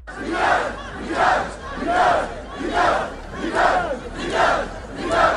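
A large crowd of protesters in Tunis, Tunisia, demonstrating against President Kais Saied, chants in unison against government repression. The same short phrase surges and falls about every 0.8 seconds in a steady, loud rhythm of many voices.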